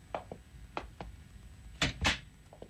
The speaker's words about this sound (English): Okay, close the door and come in.